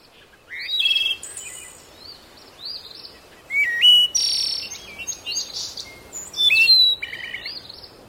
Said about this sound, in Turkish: Sanki kuşlar bile burada daha bir farklı ötüyor.